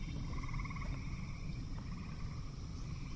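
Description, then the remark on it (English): A dense chorus of frogs calling at night, overlapping pulsed trills that run continuously over a low, steady rumble of background noise, with no voices present. “Night has fallen now, and the soundscape is now dominated by frogs.”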